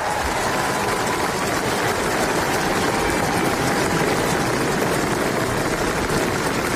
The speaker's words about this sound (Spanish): Los aplausos, la ovación al nuevo rey de Noruega, que acaba de salir al balcón del Palacio Real para saludar a los allí presentes, a las personas que se han congregado en la plaza con las banderas del país izadas.